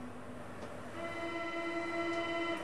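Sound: S-Bahn commuter train running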